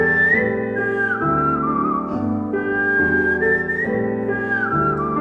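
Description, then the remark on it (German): A world champion whistler carries a flowing melody with smooth gliding pitch bends, steady and fairly loud, over a sustained harmonic backing accompaniment throughout. “Es gibt sogar einen Weltmeister im Pfeifen, bei dem das so klingt.”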